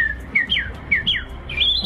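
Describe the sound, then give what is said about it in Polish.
A person at a bird-imitation contest whistles bird-like trills: a quick run of bright, sliding chirps, about half a dozen rising and falling notes in uneven bursts, fairly loud, with no talking. “Ptasie trele wychodzące z ludzkich ust budzą entuzjazm.”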